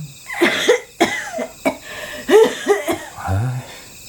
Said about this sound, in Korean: 방 안에서 기침 소리가 들리자